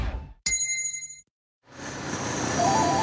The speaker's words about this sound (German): Und jetzt wieder Trinkpause. Der Gong. Hydration Break.